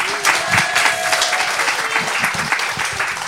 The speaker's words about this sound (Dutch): Dames en heren, heeft ze een daverend applaus